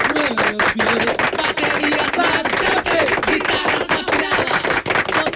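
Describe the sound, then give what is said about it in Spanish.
A studio audience breaks into loud, steady applause, a dense wash of hand claps that keeps an even intensity for about five seconds without anyone speaking over it. “Dame un aplausito para los pichos.”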